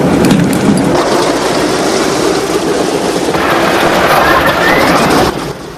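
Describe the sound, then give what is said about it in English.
A B-17 bomber's engines roar to life on the tarmac as its propellers begin to spin, a loud, dense rumble that holds steady, a rising whine creeping in partway through before the noise drops off abruptly at the end. “The plane's engines roar into life.”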